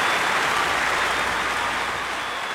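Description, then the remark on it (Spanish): Steady, dense applause from an audience after a requinto guitar performance, a continuous crackle of many hands clapping at even loudness throughout, with no voices over it. “se oye un aplauso de aquí hasta Huetí también, Emi.”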